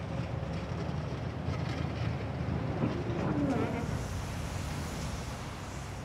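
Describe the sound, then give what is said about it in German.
A freight train in Germany's Lausitz mining region rumbles along the rails in a steady, heavy roar, with a brief metallic whine rising midway through the continuous low rushing noise. “Auch sonstige Rohstoffe werden via Schiene transportiert.”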